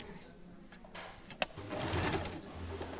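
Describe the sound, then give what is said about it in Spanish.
A sewing machine runs in a steady mechanical whir with a sharp click partway through as a team sews a skirt from a pair of trousers, the stitching growing louder and busier in the second half amid faint background noise. “Es una máquina de coser.”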